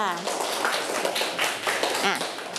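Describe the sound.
A group claps together in a steady, dense patter lasting a few seconds, with a voice briefly audible over the applause at the start and again near the end.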